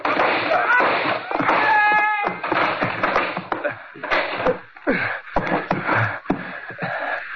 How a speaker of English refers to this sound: Let's kick a hole in this door.